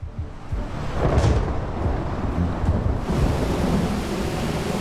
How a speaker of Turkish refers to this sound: Fırtına ve gök gürültüsüne bakacak olursak sağanak yağış bizi bekliyor.